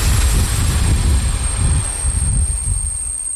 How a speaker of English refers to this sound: A small diesel train brought me to the town of Mikulov on the Czech-Austrian border in the southeast of the country.